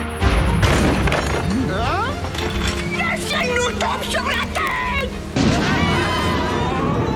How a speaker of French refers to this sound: Cet orage est un peu fort, mais ce n'est qu'un orage.